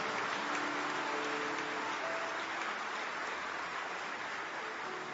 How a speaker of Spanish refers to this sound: Y dale aplausos a Él. Amén.